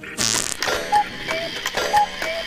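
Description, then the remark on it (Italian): A rasping mechanical burst, then a steady alternating tick-tock, like an old clock, with slightly creaky, tonal ticks roughly twice a second, moderately loud, with no voices. “Escono e rientrano, escono e rientrano, e fanno un rumore di orologio vecchio!”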